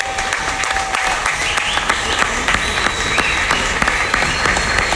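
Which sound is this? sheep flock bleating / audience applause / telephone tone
audience applause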